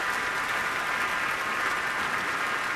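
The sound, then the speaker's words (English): Dense, sustained standing-ovation applause from a large audience fills Orchestra Hall after pianist Alexander Gavriluk's Minnesota Orchestra debut playing Rachmaninoff's Vocalise, with orchestra members clapping too; steady and unbroken throughout, with the broad hiss of many hands clapping at once and no voices standing out. “Alexander making his Minnesota Orchestra debut, the audience back standing again for another ovation, and members of the orchestra are clapping as well.”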